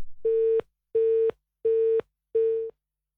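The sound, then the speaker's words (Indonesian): A telephone busy signal after a call to a reporter dropped: four steady, mid-pitched electronic beeps, each lasting about a third of a second, evenly spaced with short silences between them and no voices. “Ya, kita coba hubungi kembali kawan reporter Ninda Olivia mendengar yang terputus begitu ya untuk menyajikan informasi band Karnival Kota Blitar kelima.”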